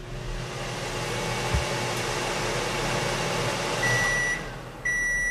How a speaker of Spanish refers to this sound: hasta que oiga que yo tengo aquí un osciloscopio y va a oír un pito. Cuando oiga el pito, que es que ya está todo ok, ¿vale?